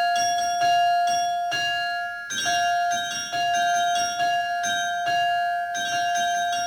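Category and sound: signal or alarm, bells ringing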